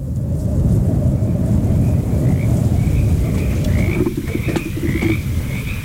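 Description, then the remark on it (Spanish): A dense chorus of frogs croaking steadily, many overlapping calls forming a continuous, loud wall of sound, with brighter repeated chirping calls rising above it toward the end. “Lugar montuoso donde abundan las ranas.”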